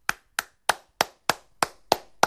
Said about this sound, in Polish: Zastanawiam się, czy są jakieś prawidła klaskania, jakieś normy, zasady, czy takimi łódeczkami klaskać i wtedy dźwięk jest taki. Głośniejszy, czy tak bardziej płasko.